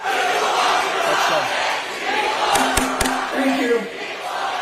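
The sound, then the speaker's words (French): A protest crowd in New Jersey chants the slogan "People Over Profit" together, a loud, steady mass of shouting voices with a few sharp claps or bangs cutting through partway. “On les entend crier People Over Profit dans le New Jersey.”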